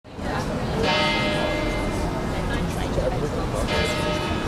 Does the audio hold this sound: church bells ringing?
yes